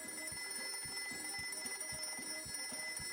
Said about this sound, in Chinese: 那天早上，闹钟响了好久，可他还是赖在床上不肯起来。